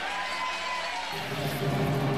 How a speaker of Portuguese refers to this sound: Aplauda o nome do Cordeiro que tira o pecado do mundo.